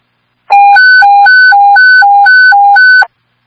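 A loud fire dispatch alert tone warbles back and forth between two pitches in quick, even steps for about two and a half seconds, then cuts off, as an alarm of fire is transmitted to Engine 5, Engine 9, Truck 2, Rescue Squad and other units. No voices.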